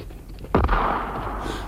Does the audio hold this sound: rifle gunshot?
yes